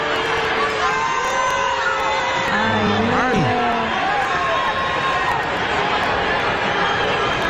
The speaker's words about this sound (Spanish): pero escúchate el abucheo que le hicieron aquí de Buron.